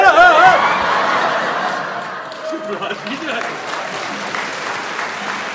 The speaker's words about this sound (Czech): Hejte se, umístaně bych na potlesku netrval.